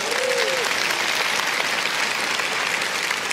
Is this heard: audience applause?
yes